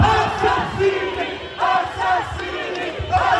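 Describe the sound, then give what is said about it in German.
A large protest crowd on a demonstration march through Bologna's city centre shouts in loud, rhythmic bursts, an angry chant of "Murderer, murderer, shame on you" from many voices rising and falling in repeated waves, dense with no single speaker standing out. “Mörder, Mörder, schämt euch, rufen die Menschen.”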